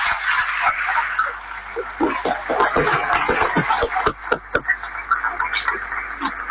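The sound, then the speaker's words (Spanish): A crowd at a ceremony applauds the local residents with dense, steady clapping throughout, sharp individual claps standing out most clearly in the middle before the applause settles back into a continuous patter. “Pero, sin embargo, a pesar de todo, seguimos creciendo unidos y hoy el aplauso más fuerte es para cada uno de los vecinos y vecinas, hombres y mujeres de esta tierra.”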